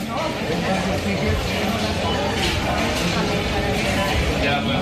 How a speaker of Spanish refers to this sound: Mercado de la Concepción en Barcelona.